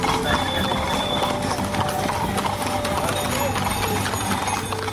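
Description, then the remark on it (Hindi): Steady clip-clop of Sindhi-breed horse hooves trotting in an even, rhythmic gait during an ikka horse-cart race competition, continuous, with voices talking underneath and busy outdoor background noise. “खासकर सिंधी नस्ल के घोड़े अपनी आकर्षक और लयबद्ध चाल के लिए विशेष पहचान रखते हैं।”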